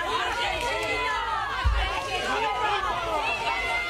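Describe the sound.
An angry crowd shouts over one another in a dense, continuous roar of raised voices, with a single heavy thud like a fist banging on a van about midway through.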